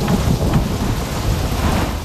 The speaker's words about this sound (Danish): Et tordenvejr. Det hedder orage på fransk, og det kan lyde sådan her. Det her er simpelthen orage tordenvejr, som skjuler sig et meget specielt orgel her til lands. Orglet er fransk og ligger på Valby Bakke.